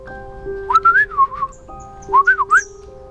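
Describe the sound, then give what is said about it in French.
A person whistles in a bird's language to a small blue-feathered sparrow: two short, warbling phrases that trill up and down in pitch, separated by a brief pause, clear over soft, steady background tones. “Lily, qui connaissait son langage, se mit alors à siffler.”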